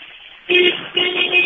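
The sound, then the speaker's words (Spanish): A car horn honks twice in close succession, loud: a short blast followed by a slightly longer one, with no talking. The horn is sounded by a driver on an avenue with pedestrians walking. “Pues mira, saca el celular y haz un oye con el claxon.”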